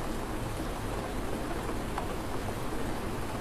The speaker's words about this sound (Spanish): no se asusten, son lluvias, las necesitamos.